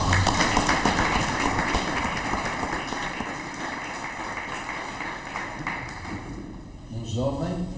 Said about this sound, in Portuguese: Muito obrigado, uma salva de palmas.